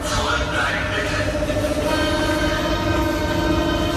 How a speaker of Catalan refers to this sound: És el metro de Berlín en plena onada de calor. Com que cap comboi té aire condicionat, no hi ha més remei que obrir les finestres.